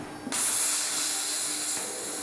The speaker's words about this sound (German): Geschmeidig und gleichmäßig gleitet der Strahl, ein Wasser-Quarz-Sand-Gemisch, durch das Material. Mit 4000 Bar und pro Minute 10 cm. So tauchen langsam die Linien des Logos der Freiburger Museen auf.